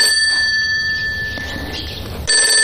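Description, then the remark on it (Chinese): A telephone bell rings loudly and continuously, a bright metallic trill that keeps going without pause and swells louder just before the end. No one speaks. “也许不是萧红姐的电话，也许保密局的人根本就没有监听我们的电话呢”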